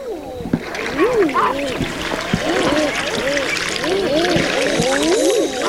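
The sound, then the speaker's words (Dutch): Repeated cooing "ah-OOO" courtship calls of common eider drakes, many birds overlapping, with rising and falling moans over a constant background of splashing water. “Dat is de balzoek van de eider. Het klinkt een beetje als een verbaasde oma.”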